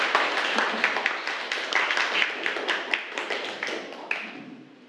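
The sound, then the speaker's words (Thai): A class of students applauds group 3 after its presentation on repairing clothes, with steady, overlapping claps for about four seconds, fairly even in loudness, then quickly tapers off. No one speaks. “ครับเก่งมากปรบมือให้กลุ่ม3หน่อยค่ะลูก”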